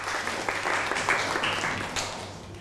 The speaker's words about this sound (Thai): ปรบมือให้กับเพื่อนหน่อยครับ